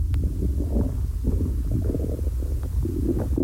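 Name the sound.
stomach growling from hunger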